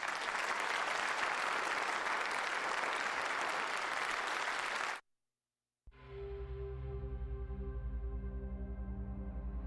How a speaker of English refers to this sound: Come here. Clap your hands to Jesus.